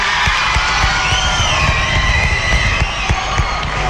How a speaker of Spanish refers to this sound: El aplauso también.